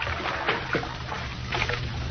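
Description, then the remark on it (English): Water sloshes and splashes in a bath, a few soft bursts over a steady wash of noise, with no voices. “The bath is ready.”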